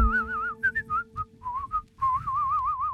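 A bright, clear whistled melody with a wavering vibrato, moving through short rising notes before settling into a sustained trill-like tone, over a soft steady musical backing.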